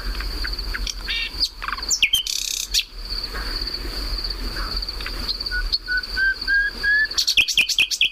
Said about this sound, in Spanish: Este pájaro, por cierto, perdona, sí, está cantando en un lugar que ayer, anteayer ardió. Oh, sí, wow. Está grabado hace unos años, pero ya esto se ha quemado.